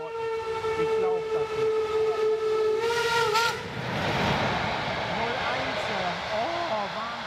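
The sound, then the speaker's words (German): At Schwanheide railway station, a former East German border station, a train's horn blares steadily for about three seconds, then gives way to the loud, rumbling clatter of the train passing, with voices talking over the noise. “Schwanheide, früher DDR-Grenzbahnhof.”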